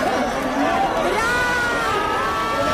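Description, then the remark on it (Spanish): A dense crowd of fans shouts and cheers continuously as Brad Pitt arrives at the María Cristina, with excited high voices rising and overlapping in a loud, sustained roar of screams and chatter. “Y ha llegado Brad Pitt en medio del griterío al María Cristina para alegría de sus fans.”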